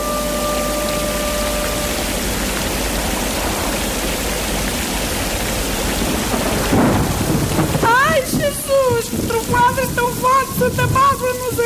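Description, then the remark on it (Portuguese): Steady heavy rain hisses throughout a thunderstorm in a told legend of Oliveira de Frades, with a deep rolling thunder rumble near the middle, then voices chanting or speaking over the continuing downpour in the final seconds. “Pois é, minha gente, hoje em Lendas da Nossa Terra, por terras de Oliveira de Frades, ouvimos a Trovoada e a Ponte. Eu avisei, agora nem Santa Bárbara nos acode.”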